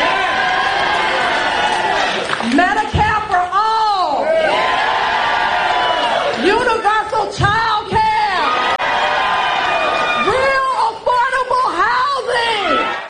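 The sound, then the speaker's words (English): A large crowd at a political rally cheers and yells loudly and without pause, many voices overlapping in whoops and shouts that swell and fall in waves, dense throughout. “You know, it helps if you yell and then you get the crowd to go, yeah, that makes it really drive the point home.”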